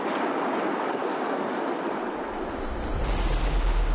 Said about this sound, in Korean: 파도 안 칠 때는 괜찮은데 이렇게 파도 쳐. 오빠가 저렇게 파도 치는데 바다 들어갔으면 불안하진 않으세요?